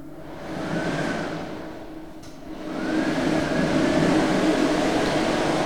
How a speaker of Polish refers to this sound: Mogę włączyć suszarkę.